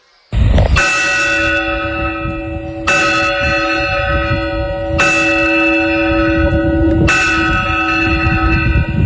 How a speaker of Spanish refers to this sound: Bueno, y esto que están escuchando son las campanas del reloj de Fórnoles.